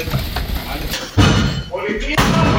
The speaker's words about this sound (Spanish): ¡Policía! Es el momento en el que con un ariete agentes de la Policía Nacional echan abajo la puerta de un piso de Jerez en una acción que ha permitido detener a 5 personas acusadas de vender cocaína a domicilio.